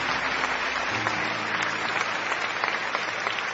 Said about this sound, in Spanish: Aplausos al Señor. Amén.